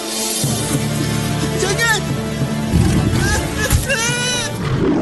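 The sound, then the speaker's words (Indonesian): A lion roars in rough, rising and falling bursts over a steady low rumble, loud, with several drawn-out calls across a few seconds. “Umi, ni singa kan?”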